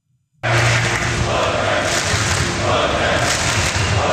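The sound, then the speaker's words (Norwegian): A large crowd of Norwegian football fans cheers and shouts at night, celebrating the national team's World Cup match victory, a dense, continuous roar of many voices that bursts in abruptly and stays loud and steady throughout. “All sang, jubel og gledeståra preget natta for mange nordmenn.”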